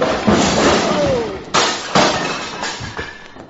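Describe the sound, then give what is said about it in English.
Bottles of bourbon behind a bar smash and shatter in a chaotic crash as a man being hit in a fistfight falls against the bar. Sharp bright impacts come at the start and two more loud bursts partway through, followed by tinkling fragments settling. “The way you're hitting him, he's going to fall against the bar and upset those beautiful bottles of...”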